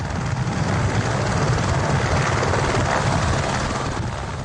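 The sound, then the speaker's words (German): An Airbus-built Ecureuil AS350 helicopter, driven by an 850 hp turbine and stripped of dispensable parts, climbs metre by metre in the thin air of Mount Everest; its rotor thumps steadily and loudly with a dense engine roar, holding constant, with no voices present. “Jetzt steigt der Ecureuil AS350, der vom Airbus gebaut wird, Meter um Meter, angetrieben von einer 850 PS Turbine.”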